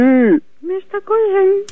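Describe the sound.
Loud belching by a man: a long croaking burp with falling pitch, then three more voiced burps in quick succession, the last one drawn out.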